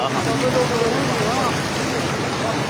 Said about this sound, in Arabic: إذا مشاهدينا، كما أشرنا مسبقا، قوة دفع المياه أخرجت الجسر الترابي عن الخدمة بشبه كلي، لكن كيف يبدو المشهد عن قرب؟ نتابع هذه المشاهد في هذه المادة. فتح ما شاء الله قوت المي. يا قوت المي من عند الجسر الترابي.